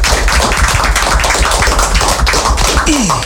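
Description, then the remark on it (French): A crowd applauds loudly, a dense, steady patter of many hands clapping for a few seconds, with a brief falling tone rising above it near the end. “Allez, on s'applaudit. Allez, applaudissements.”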